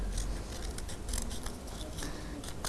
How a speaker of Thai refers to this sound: ตัดออกมาเช่นเดียวกันเลยค่ะชึบตัดออกมาระวังมือของตัวเองด้วยนะคะตัดออกมาเลยชึบค่อยๆตัดแบบนี้เลยค่ะระวังมือของตัวเองด้วย